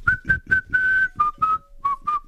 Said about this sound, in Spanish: Buen día, qué lindo ese silbido.